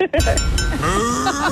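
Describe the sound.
A loud, drawn-out, wavering moo like a cow's, carried on a sustained tone that bends in pitch, most likely a person's voice imitating the sound; it is the moo of Bessie the cow on Melbourne radio station Kiss 101.1, the cue listeners wait for to win Melbourne Royal Show tickets.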